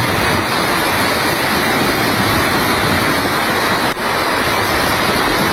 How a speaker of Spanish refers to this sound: Es el sonido del agua.